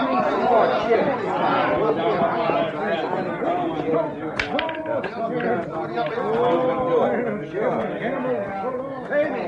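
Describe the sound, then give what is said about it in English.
Steady crowd chatter fills a saloon, many overlapping voices talking at once in a loud, continuous murmur with no single speaker standing out, plus an occasional sharp knock. “Some crowd, huh?”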